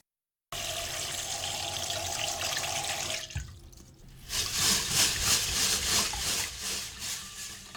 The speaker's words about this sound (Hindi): तो आइए आगाज करते हैं कि चावल कैसे धोए जाएं। हमेशा चावलों को किसी छलनी में डालकर धोइए।